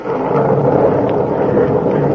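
A deep, steady rumble of thunder from a storm rolls on without a break, loud, filling the whole moment with low storm noise and no voices.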